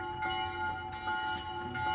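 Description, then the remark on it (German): Bells ring with a long, reverberating hum, their steady metallic overtones sustaining throughout at a moderate, even level with no voices present. “Ah, deine Nachhallglocken.”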